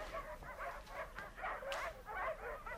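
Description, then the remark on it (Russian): Several dogs bark and whimper excitedly in a continuous overlapping burst of yips and whines, moderately loud, with no other sounds standing out. “Ах, я же говорила, нюх какой у этих собак.”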